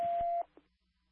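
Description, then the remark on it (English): A brief, steady electronic fire dispatch alerting tone, sent again over the radio after the first did not go out, plays over rough radio static and cuts off after less than half a second, followed by a faint short blip and near silence. “77WA, can you also hear my tones again?”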